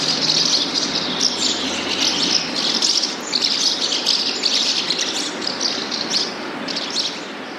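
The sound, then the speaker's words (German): A busy, continuous chorus of high twittering bird calls, many overlapping chirps rippling steadily without pause, as of house martins singing together. “Oder vielleicht, das jetzt aber ganz ohne Mehl, die Mehlschwalben.”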